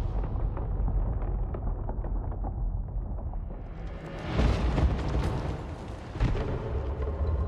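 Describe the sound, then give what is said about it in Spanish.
A creature, the Kalisk, encased in ice, explodes into countless particles, releasing a cloud of vapour: a rumbling explosion bursts out in a dense, crackling spray, its hiss flaring brightly around four seconds, then a second sharp burst near six seconds before the debris-like crackle trails on. “El Kalisk explota en innumerables partículas, liberando una nube de vapor que derriba a Dex, Tía y Bod.”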